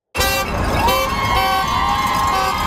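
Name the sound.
car horns honking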